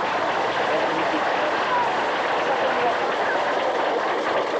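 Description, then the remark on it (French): A crowd applauds steadily, a dense, even wash of clapping hands that holds at a constant loud level for the whole stretch without rising or fading. “On va déjà applaudir un peu. Après, vous applaudissez.”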